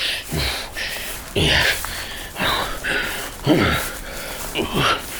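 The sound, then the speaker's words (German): A man puffs and pants heavily, with a series of loud, breathy snorts and gasps about once a second, effortful, as a robber hauls a heavy box on his back through a thicket to his cave. “Prustend und schnaufend schleppte er seine Beute durch das Dickicht in seine Höhle.”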